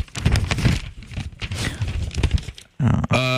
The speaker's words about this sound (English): So many papers shuffling.